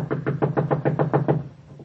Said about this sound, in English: Knock again.